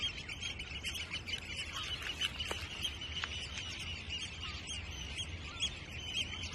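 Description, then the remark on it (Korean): Eurasian oystercatchers call together in a steady, overlapping chorus of high piping notes over a mudflat, with a couple of sharper single calls standing out briefly and no voices. “검은 머리 물대새는 전형적인 갯벌 주민입니다.”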